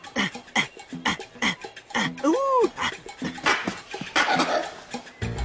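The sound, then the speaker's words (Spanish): A langur monkey's alarm call: a run of sharp, harsh barks repeating in quick bursts, with a rising-and-falling whooping cry in the middle, loud amid busy forest noise. “¡Alarma de langur!”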